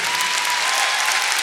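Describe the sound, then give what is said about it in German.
Steady audience applause at a live show, given for a violinist as the band members are introduced, a dense wash of many hands clapping at an even, fairly loud level throughout, with no voices standing out. “Ein herzlichen Applaus auch für Julia.”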